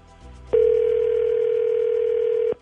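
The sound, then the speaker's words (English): A telephone call ringing as a three-way call is placed: one steady, mid-pitched electronic ring tone that holds evenly for about two seconds before cutting off, loud and alone with a faint hum underneath. “Your three-way call starts now.”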